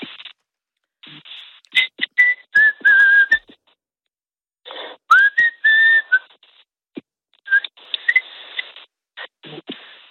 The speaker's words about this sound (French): N'hésite pas à te demander de me siffler quelque chose parce qu'il paraît que tu siffles très bien, que tu arrives à faire de très belles mélodies. Est-ce qu'on peut avoir une petite démo?